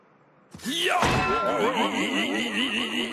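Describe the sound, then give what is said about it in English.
A hammer thunks against a banana in an attempt to split it in two, a single dull blow followed by a wavering, warbling ring that wobbles up and down in pitch and holds steady for a couple of seconds. “We will strike banana with hammer.”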